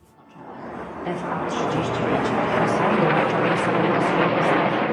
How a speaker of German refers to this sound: Kampfjets donnern über das Warschauer Zentrum. Tausende bestaunen am Weichselufer die Flugeinlage. Über Lautsprecher erklärt eine Moderatorin den Flugzeugtyp. Es sind F-35, einige der weltweit modernsten Jets.